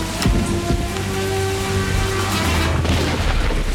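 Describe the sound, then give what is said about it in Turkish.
A few sharp gunshot cracks ring out, the first and loudest near the start, over a constant hissing, rain-like background with a low steady drone. “Ateş edildi.”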